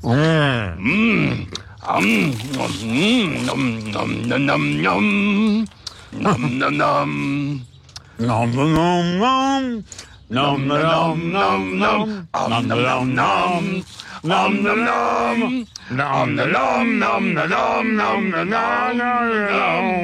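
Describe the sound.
Muffled voices hum a bold, march-like melody through mouthfuls of food, with grunts and chewing noises breaking up the tune. Close and fairly loud throughout.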